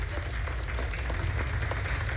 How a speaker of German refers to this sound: Und jetzt Ihren Applaus für Miss Kaplan.